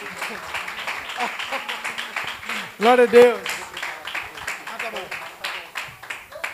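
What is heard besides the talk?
audience clapping hands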